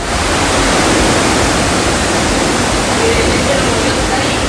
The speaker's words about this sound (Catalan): D'esta forma sonava la pluja i encara ens quedaven per descobrir la quantitat de trons i llamps que caien sobre els nostres caps i en llocs molt puntuals a tot això.